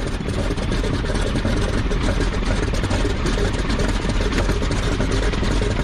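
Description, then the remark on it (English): A loud engine idles steadily, its dense rumble carrying a quick, regular mechanical ticking made by a stuck inlet valve, as a mechanic listens with a stethoscope and traces the fault to cylinder number two; no one talking. “Hans is going to use a stethoscope to listen for the telltale tapping sound made by a stuck inlet valve.”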